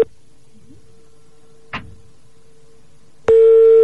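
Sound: phone call ringing unanswered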